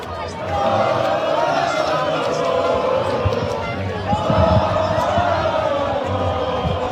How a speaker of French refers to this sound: des cris de joie et des concerts de klaxons sont signalés. Bon, on l'entend en fait, hein, c'est la même chose sur la plage barcelonaise.